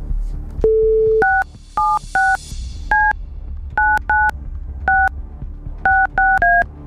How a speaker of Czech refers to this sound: Tak, vytočil jsem telefonní číslo někoho z vás, kdo jste nám poslali SMSku s informací, co chcete proplatit. Na to správné číslo, to znamená na to naše číslo. Teď uvidíme, jestli se na druhé straně poslouchá a jestli jsou tam na příjmu.